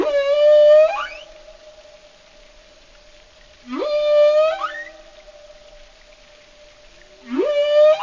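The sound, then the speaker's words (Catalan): Three loud, tonal underwater whistles from a marine animal recur at roughly even intervals. Each is a sustained high whistle with rising harmonic sweeps at its start, fading to a faint steady tone between them. “i els han comparat i hi ha diferències significatives entre xiulos de cada localitat, és a dir, tenen els seus accents diferents segons on visquin, no?”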